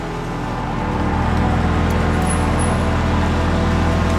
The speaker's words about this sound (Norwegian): Nå ankommer bilene fra slottet, Ris kirke.